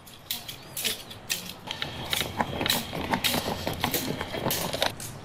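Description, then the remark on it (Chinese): Bamboo sticks topped with strings of copper coins rattle and jingle in quick, uneven bursts as they are struck in the Luzhi Dalianxiang folk dance, a bright metallic clatter repeating with no talking. “久而久之，人们发现敲打的力度和身体不同部位竟能形成一种悦耳的节奏感，于是他们不断总结和改良，并在棍棒顶端加入铜钱串增强节奏感，最终形成了特色鲜明独具趣味的鹿直打镰箱。”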